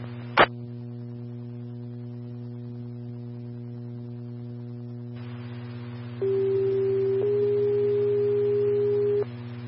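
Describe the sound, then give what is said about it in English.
Emergency dispatch paging alert tones for an EMS call about a diabetic problem with agonal breathing on 85 Road: a steady electronic hum runs throughout, a short click near the start, then two loud sustained paging tones in sequence, a lower pitch stepping up to a slightly higher one, ending abruptly. “One, tones for a diabetic problem, agonal breathing, 85 road, 3451, again, EMS 1, diabetic problem with agonal breathing, 85 road, 3451”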